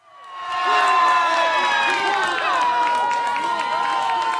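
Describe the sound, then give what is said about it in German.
A large crowd of fans in Urca, Rio de Janeiro, Brazil, erupts in loud, sustained cheering and shouting after Brazil's 1:0 goal against Haiti at the World Cup, voices rising and overlapping in a dense wall of sound that holds steady throughout. “Jubel hingegen in Brasilien nach dem Unentschieden zum Auftakt gegen Marokko.”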